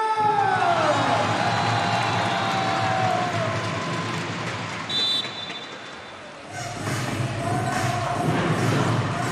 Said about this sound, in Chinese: 如果您觉得今天苍南队打得不错的话，来点欢呼声。